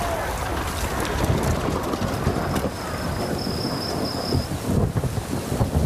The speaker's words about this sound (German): Dicker Regen hängt wie ein grauer Vorhang über Darjeeling. Seit Tagen, vielleicht sogar seit Wochen, hat sich das Wetter nicht geändert.